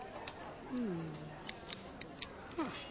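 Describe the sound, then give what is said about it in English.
A four-color multicolor pen being taken apart: about half a dozen sharp plastic clicks at irregular intervals, with a faint low voice-like murmur underneath. “What are you doing to it? I'm taking it apart.”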